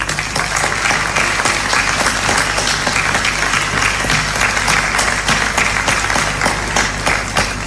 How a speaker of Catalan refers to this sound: I demano un fort aplaudiment.